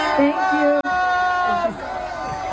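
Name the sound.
crowd booing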